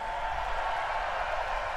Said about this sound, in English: Thanks, everybody. Let's have a big round of applause for all the people that help us do this also.